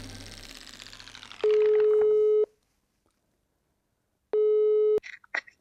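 A telephone receiver is lifted with a rustle, then a steady electronic dial tone sounds in two long beeps separated by a pause of silence, ending in a few soft clicks.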